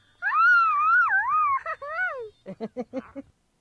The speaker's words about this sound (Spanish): Bueno, parece ambulancia, pero es un buen grito.